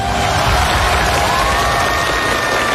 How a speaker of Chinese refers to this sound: 大家好，我是总台主持人龙阳，掌声欢迎各位。